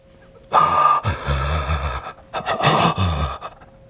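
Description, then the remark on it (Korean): Loud, ragged gasps and heavy, labored breathing of a person struggling to breathe and trying to breathe slowly in and out, two strained bursts of breath separated by a brief pause, with no talking. “천천히 들이쉬었다가 내쉬었다가.”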